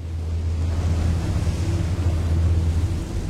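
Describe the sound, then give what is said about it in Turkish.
Strong, cold wind roars steadily across the microphone, a dense rumbling buffet with a low droning undertone that never lets up, loud throughout. “Hadi gidip eşyaları kampa bırakalım ve bu rüzgardan uzaklaşalım.”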